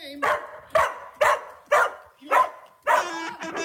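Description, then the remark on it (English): A dog barks six times in a steady, evenly spaced rhythm, loud, with the final bark stretching into a longer, whining yelp. “So good, your dog will ask for it by name.”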